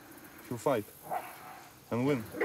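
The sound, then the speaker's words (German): A large dog barks protectively, guarding a small dog, in two short, loud bursts, the first a quick double bark and the second a longer, throaty bark after a pause, with a faint vocal sound in between. “Er beschützt den kleinen Hund. Der weiß nicht, was los ist. Komm ihm nicht zu nahe. Mein großer Hund wird kämpfen und gewinnen.”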